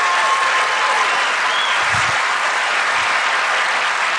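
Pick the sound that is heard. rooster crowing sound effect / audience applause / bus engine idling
audience applause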